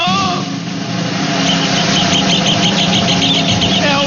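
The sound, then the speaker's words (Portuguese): A rufous hornero sings a loud, rapid series of sharp, ringing notes that run together into a fast chatter, set against a steady low hum of background noise. “O passarinho de hoje é o famosíssimo...”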